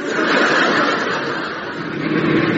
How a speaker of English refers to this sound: Ah, look. There's a car coming along.